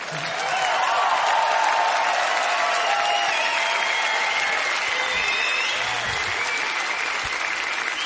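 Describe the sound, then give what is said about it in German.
Sustained applause from an audience for the band, a dense wash of clapping that holds steady and loud for about eight seconds with no voices standing out. “Einen extra Applaus für die tolle Band heute Abend.”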